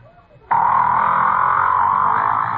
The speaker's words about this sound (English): If you agreed with these guesses, you've been fooled, because each sound was made by a whale. That's right, a great big blubbery old whale just buzzing and clicking and grunting away deep down in the ocean